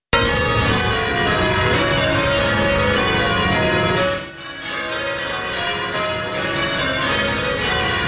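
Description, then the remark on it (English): A peal of church bells at Christ Church in Canada rings continuously in change ringing, overlapping metallic tones in a steady cascading pattern, loud and full with a rich wash of ringing harmonics, briefly dipping midway before resuming. “Well, the church is one of only seven sites in Canada with live change ringing for regular worship.”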